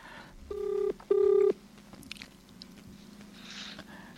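A phone call placed from a Darpan Radio listener programme rings out on the line: two steady, buzzing ringback tones in quick succession, the second slightly louder, followed by faint clicks and low background noise.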